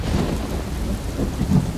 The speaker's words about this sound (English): Oh, it's a storm! And we were in this storm for 4 days